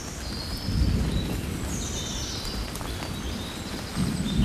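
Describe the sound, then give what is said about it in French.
Faint birdsong drifts over a steady low rumble of thunder outdoors, thin high chirps and warbles recurring throughout with no voices present. “Le tonnerre, les oiseaux.”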